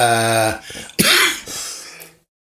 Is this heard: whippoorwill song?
no